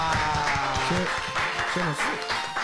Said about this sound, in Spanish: Un aplauso, negra.